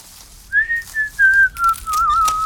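Someone whistles a short tune alone: a clear, steady tone in a few connected phrases, each slightly lower than the last, at moderate loudness.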